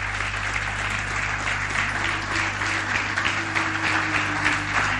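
An audience at a church service claps steadily, applauding the Lord and the word. The clapping is a dense, continuous wash of many hands with loud, even applause throughout and a faint low hum beneath, with no one speaking.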